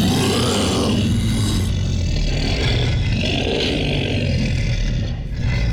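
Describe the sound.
A man's voice growls out a long, deep roar, loud and rough throughout, rumbling steadily for several seconds with small swells before easing slightly at the end. It is a sound effect made by Russian sound artists, voiced by an announcer with help from a sound engineer.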